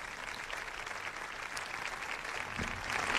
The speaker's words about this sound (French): Un discours applaudi.